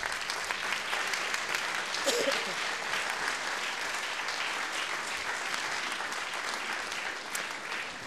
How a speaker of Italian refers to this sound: Fagionti un applauso.